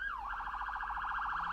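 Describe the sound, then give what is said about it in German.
A New York police car siren, on a car driven along remote roads in West Pomerania, Poland, wails in a fast, rapid yelp, its pitch warbling quickly up and down, loud, with a low rumble beneath and no one talking. “Eigentlich darf er die Sirene gar nicht einschalten, aber auf abgelegenen Straßen macht Dariusz Marcinkiewicz das manchmal. Mit dem New Yorker Streifenwagen”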